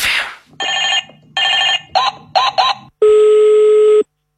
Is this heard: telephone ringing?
yes